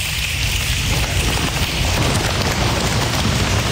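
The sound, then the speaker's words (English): A dense, continuous drumming of many hands slapping thighs in unison-like clatter, mimicking a heavy downpour; loud and steady throughout with no voices. “That's their thigh. That's the thigh.”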